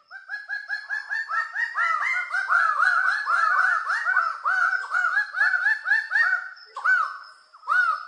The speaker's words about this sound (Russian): Это разные райские птицы, да? Вот. Наверное, голоса у них тоже райские, да ничего подобного. Давайте послушаем пение райской птицы.